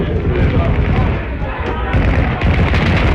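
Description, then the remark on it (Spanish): A grenade explodes at the door of the president's office in the Government Palace. It booms within a dense, roaring wall of battle noise, with sharper blasts bursting out near the middle and again toward the end, and voices faintly audible underneath. “¡Una granada a la puerta de la oficina del presidente!”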